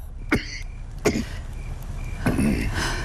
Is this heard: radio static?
no